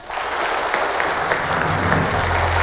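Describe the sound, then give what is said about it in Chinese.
Sustained applause from a crowd inviting officers of a police station to take their oath, a dense steady wash of many hands clapping at a fairly loud, even level throughout, with no voices breaking through. “我们掌声有请各位。”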